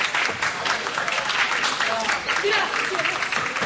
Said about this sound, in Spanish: Gracias. Muchas gracias. Gracias por sus aplausos.